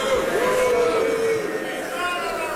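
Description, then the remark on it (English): A large crowd at the annual gathering of the Conservative Political Action Conference in Texas booing loudly, a dense, steady roar of voices with a sustained low drawn-out 'boo' tone riding over the mass of chatter for a couple of seconds. “That's the crowd at the annual gathering of the Conservative Political Action Conference in Texas earlier this year.”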